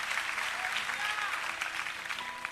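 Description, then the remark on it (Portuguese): A church audience applauds Jesus steadily, a dense wash of many hands clapping at an even level throughout, with faint voices mixed into the clapping. “Os que podem ler a Jesus, uma linda salva de palmas, porque ele é bom, porque ele é maravilhoso.”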